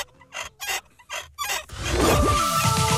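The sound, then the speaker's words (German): A rusty squeaking from the neck of a bobblehead dachshund toy from the 1970s or 80s, kept over 25 years in a cellar: five short, rhythmic creaks, then a longer, louder grinding squeal whose pitch slides up and down, with no voices. “Also über 25 Jahre im Keller, da kann es schon mal etwas verrostet quietschen im Genick.”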